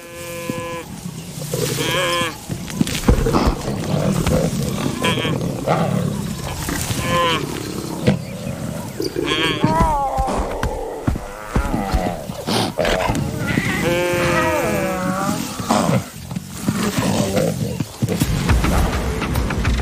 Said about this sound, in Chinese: 狮子还想把它扑倒，其中一只狮子的腿卡在了角马的脚上。